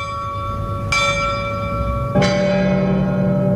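A church bell rings out with two slow, heavy strikes, each leaving a long, shimmering hum that lingers and overlaps the next. It sounds loud, with no voices.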